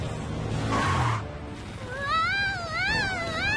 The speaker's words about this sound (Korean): 어? 고양이가 짖네?